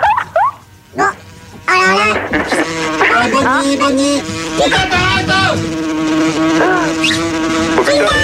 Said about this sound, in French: Les mouches arrivent